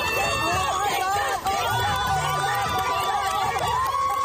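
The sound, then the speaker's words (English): A crowd cheers and shouts at Cobb Meadow Park in Freeport during a double dutch jump rope event, many voices blending into a loud, continuous roar with overlapping high yells rising and falling throughout. “You hear those cheers?”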